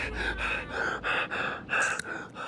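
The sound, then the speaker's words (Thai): Labored, wheezy gasping for air, about six harsh rapid breaths in quick succession, fairly loud, with no speech: a passenger having an asthma attack whose asthma medicine has run out. “ยาหอบพี่เขาหมดว่ะ เอ้ยใครมียาหอบอยู่บ้างอ่ะ ใครมียาบ้างครับ”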